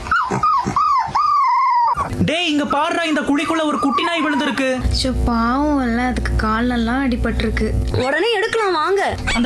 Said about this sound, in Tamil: ஏங்கா இந்த நாய் காலையில இருந்து பாக்குறேன் அழுதுட்டே இருக்கு. தெரியலப்பா, நானும் கடை போட்டதுல இருந்து பாத்துக்கிட்டு இருக்கேன், இங்கேதான் சுத்திக்கிட்டு இருக்கு.